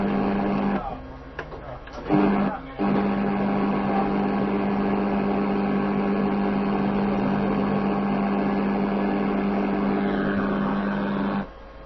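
A refrigerator motor runs with a steady, low electrical hum and a tonal drone, briefly cutting out twice in the first few seconds before humming on evenly to the end.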